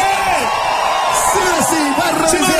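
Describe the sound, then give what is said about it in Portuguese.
A large concert crowd roars and cheers loudly and continuously, shouting in response to the performers' call to shout, with individual whoops and yells rising and falling above the dense wall of noise. “Quem vai ficar aqui até o final com a gente, dá um grito!”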